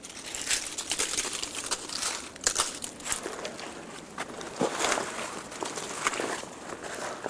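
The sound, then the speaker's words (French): Footsteps crunch steadily along a path covered by a thick carpet of dry dead leaves, where the surrounding snow has melted in the sunshine, each step a crisp rustling crackle at moderate volume, with no talking. “Et vous retrouvez le tapis de feuilles.”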